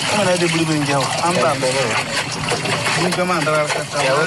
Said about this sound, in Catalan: sents aquesta aigua? Sí. Pots imaginar el que és en una mina d'or? Clar, no sé si és que passa un riu per allà o es necessita per anar netejant la pedra o què és això? Molt bé, exactament. Es necessita per netejar,